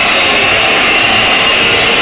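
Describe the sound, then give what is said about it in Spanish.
A large stadium crowd whistles at Belgrano as the team withdraws, in a dense, steady, shrill wash that holds at the same loud level for the whole two seconds, with no voices standing out. “Se retira Belgrano con este silbido.”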